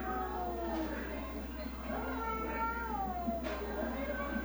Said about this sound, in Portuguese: O gato no telhado, fala a verdade, você faz uma barulhada, né, sério? Barulho danado, viu? Pelo amor de Deus.